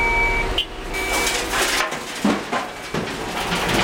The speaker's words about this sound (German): Doch an einer Stelle, sie heißt Würmtalrampe, herrscht rege und lauter Betrieb. Das ist normal, oder? Baustelle.